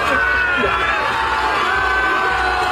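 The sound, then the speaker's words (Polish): A large crowd on the beach at Dziwnów, Poland, cheers and shouts continuously as it greets a swimmer finishing his swim across the Baltic Sea, a dense, loud wash of many voices with higher whoops and children's cries rising above the roar. “Tam przywitały go tłumy.”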